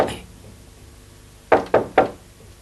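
Three quick, evenly spaced knocks on a wooden door by a visitor asking to be let in, fairly loud, following a brief fragment of a voice at the start and a quiet pause.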